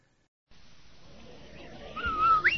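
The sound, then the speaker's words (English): A brief, clear whistle near the end, the Rinso whistle signal on a radio broadcast: a steady held note that leaps upward at the finish, over a soft hissy background with no one talking. “Andy, did you hear that whistle?”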